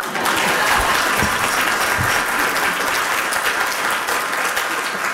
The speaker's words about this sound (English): That's when everybody clap.